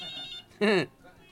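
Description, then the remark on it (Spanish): A telephone ringback tone trills in quick, even pulses for a moment while a call is being dialed, then a short, loud vocal outburst cuts in over it before things quiet down. “Le voy a marcar a los solucionistas. A ver si me solucionan este desmadito que nunca sirven las líneas.”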